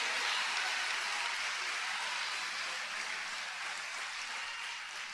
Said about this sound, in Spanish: Denle un aplauso al que vive para siempre. A él la honra, a él la gloria, a él la alabanza.